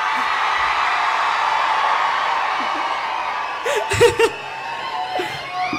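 A large crowd shouts loudly when a performer asks for a loud shout, roaring in a sustained, dense wash of noise, with a few louder whoops and cries rising out of it near the end.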